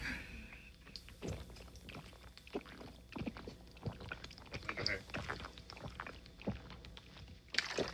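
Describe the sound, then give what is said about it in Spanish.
Gulping from a bottle of Epura water: a run of wet swallows and sloshing liquid at an uneven rhythm, with small plastic creaks and a faint breath at the end. Nobody speaks. “Ahí va, déjame le echar un buen trago a mi bote de agua.”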